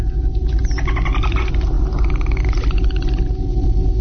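Dolphin vocalizations: a run of squeaky, rising and falling whistles and chirps, fairly loud, over a constant deep rumble for about four seconds, with no talking.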